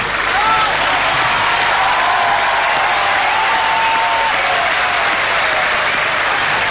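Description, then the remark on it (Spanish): Loud, sustained audience applause honoring a singer: dense, steady clapping from a large crowd that continues at full strength from start to finish without fading. “Hace mucho nos conocemos, te honramos con este aplauso.”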